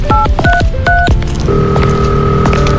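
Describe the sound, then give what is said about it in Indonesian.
Several quick telephone keypad tones beep in succession as someone dials to call their mother, each a short dual-pitch chirp, followed by a steady sustained tone like a ringback or dial signal, clear with no talking. “Telepon ibu ah.”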